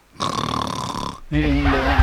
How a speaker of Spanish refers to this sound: ¿Qué pasó con ese rugido? ¿Y esa cuestión qué es lo que es? El león de la Metro Golden Mayer.